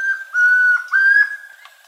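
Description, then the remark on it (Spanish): A chestnut-crowned antpitta (tororoi comprapan) song from the Colombian Bird Sound Bank, compiled by the Humboldt Institute and Cornell University: clear, pure whistled notes held at a steady pitch, rising in two loud swells with a brief dip between, and no talking. “El trino del tororoi comprapan forma parte del Banco de Sonidos de Aves Colombianas, recopilado por el Instituto von Humboldt y la Universidad de Cornell.”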